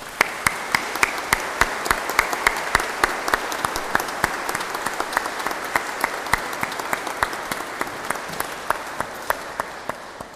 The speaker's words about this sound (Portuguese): Quero, em nome da paróquia da Sé, agradecer-lhe tantos domingos a tocar aqui na Igreja da Sé, e para ela muitas felicidades e uma grande salva de palmas.